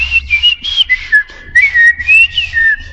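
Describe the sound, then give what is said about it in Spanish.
A person whistles a warbling, bird-like tune for a few seconds, the pitch sliding up and down in short phrases, fairly loud with no talking. “Y los pájaros, en cambio, silban.”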